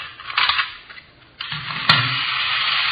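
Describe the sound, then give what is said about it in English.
The motor of a toy miniature Sherman tank with treads whirs with a steady, buzzing drone that kicks in after a short stuttering start. A single sharp click cuts through partway, and the whirring carries on without speech. “See this gadget here? Pretty clever, huh? Yeah. Miniature Sherman tank.”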